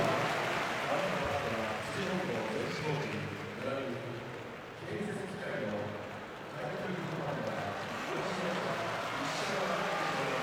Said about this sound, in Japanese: 今館内で大きな拍手が起こっていますが、これは幕内前半最後の相撲を取ります西琴恵光の四股に対して送られたものです